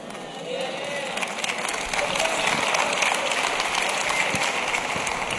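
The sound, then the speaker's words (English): An audience claps together in a dense, crackling wash of applause that holds fairly steady throughout, with a faint murmur of crowd noise mixed underneath. “Did y'all see, can y'all tell how the claps are getting lower and lower and lower?”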